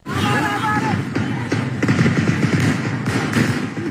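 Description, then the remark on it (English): Gunfire crackles in an irregular string of sharp cracks during fighting in the Tigray region of northern Ethiopia, over a busy noisy background with faint voices heard early on. “You're going to hear gunfire in this next clip here.”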